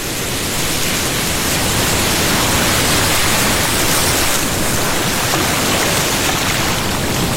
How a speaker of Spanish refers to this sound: ¡Córrase, Pedrito! ¡Viene la ola! ¡Ahí! ¡Viene la ola!